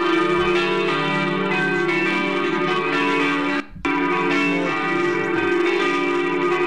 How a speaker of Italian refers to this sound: Allora, volevi le campane?